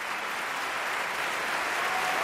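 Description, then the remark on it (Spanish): A concert audience at the Liceo applauds enthusiastically after a song performance with piano, a dense, steady wash of clapping that holds at full strength throughout, with no voices on top. “que levantó al público del Liceo, que aplaudía, como escucháis, con muchas ganas, esta interpretación.”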